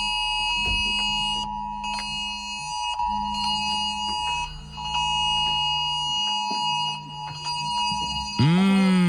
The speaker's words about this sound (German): Das ist, wie Zucker auf meinen Ohren. Aber es soll ja gar nicht schön sein, denn das war natürlich der Warnton. Wir hatten am Donnerstag wieder einen Warntag. Der Warntag im September war das. Alle Handys, alle Smartwatches haben wieder gebimmelt.